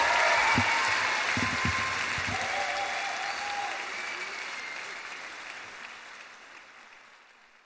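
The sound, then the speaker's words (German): A crowd at a live concert performance claps enthusiastically, a dense wash of applause with a few cheers near the start, gradually fading out over several seconds. “Ich habe jetzt extra noch mal das begeisterte Klatschen der Zuschauer drin gelassen.”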